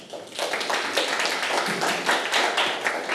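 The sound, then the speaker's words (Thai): A class of schoolchildren clap together for their classmates, a group that cited its sources, for a few seconds: a steady burst of many overlapping claps with a rapid, uneven rhythm at a fairly loud, even level. “กลุ่มหนึ่งเมื่อสักครู่ระบุแหล่งข้อมูลชัดเจนไหมลูกชัดเจนระบุเหมือนกันนะคะเอาปรบมือให้กับเพื่อนค่ะ”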